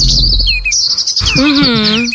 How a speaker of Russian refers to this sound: Ой, особенно приятно, когда ты в феврале приходишь и говоришь: ребята, вы слышали птички? Так птички это правда. Запели.